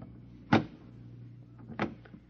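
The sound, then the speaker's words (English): A few solid knocks on a door, spaced slowly apart with a pause between the first and the rest, against a quiet low hum. “The last man on Earth sat alone in a room. And then, with a knock on the door.”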